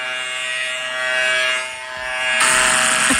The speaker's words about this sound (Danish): Okay, så når man trykker på telefonen, så laver den også den, som om den rent barberer.